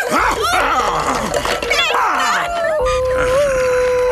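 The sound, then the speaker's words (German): Toto, a small dog, yaps in quick, excited bursts, then shifts into high, drawn-out whimpering whines that hold steady toward the end. “Und nun zu dir, du kläffende Bestie!”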